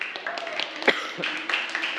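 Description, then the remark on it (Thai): A group claps together in a steady burst of applause for group 1, which is about to present its poster on a King's Philosophy project, with scattered sharper claps and some voices underneath. “เดี๋ยวเราขอเสียงปรบมือให้กับกลุ่มที่1หน่อยนะครับ”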